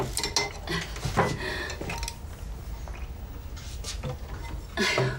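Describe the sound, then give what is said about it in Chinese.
A pot of porridge is handled and set down with several clanks and scrapes, metal kitchenware clattering against a surface in short irregular bursts. “一会儿啊，你把这锅粥放到冰箱里去啊，想吃的时候就盛出一碗来，往微波炉里边这么一转，再加两个饼，这不挺好的吗？”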